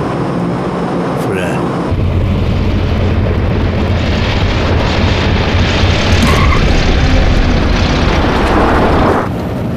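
A loud, steady airplane cabin drone on a flight over Yunnan, about an hour from Kunming, rises after a couple of seconds and holds as a dense, continuous roar of engine noise, then cuts off just before the end.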